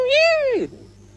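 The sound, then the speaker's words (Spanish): A voice imitates a distressed, running cat with one drawn-out, wailing meow that rises slightly and then slides down and fades, fairly loud, alone with faint background hum. “Y como corría, y hacía... de gato afligido que corría.”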